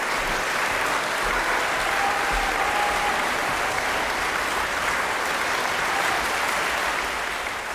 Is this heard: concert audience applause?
yes